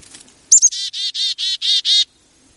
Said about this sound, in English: He's been explaining the sounds of chickadees. What you're really hearing him saying is chickadee-dee-dee.